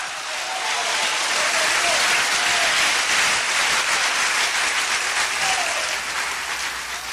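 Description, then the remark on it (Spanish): Loud, sustained applause from a large audience fills the space for several seconds, a dense wash of clapping with faint voices calling out underneath. “Un aplauso fuerte. ¡Aleluya!”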